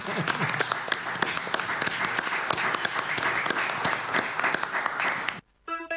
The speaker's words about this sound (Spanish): Bien, ¿quién aplaude a quién? Nosotros.